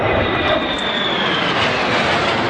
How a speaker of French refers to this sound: oscille entre peur et fascination en voyant passer les F-16 et F-35 au-dessus de sa tête et celle de ses enfants.